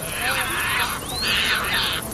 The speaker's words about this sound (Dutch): En vliegen op en neer naar plekken waar ze vissen vangen. En als ze dan aankomen bij zo'n bankje, dan roepen ze en schreeuwen ze naar elkaar. Zoals sterns vaak doen. Dus dat horen we.